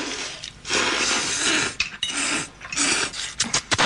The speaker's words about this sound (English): Okay, that's a lot of slurping.